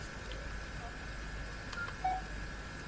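A couple of short electronic keypad tones beep close together near the end as the star key on a phone keypad is pressed to go to the home screen, clear but not loud, over a steady low background hum.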